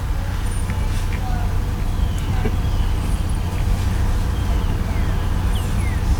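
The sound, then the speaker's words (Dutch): An Audi car's deep, droning engine rumble fills the whole stretch, steady and fairly loud, with a heavy low-end throb that holds without fading as the vehicle passes. “Die auto had ook best te dreunen had.”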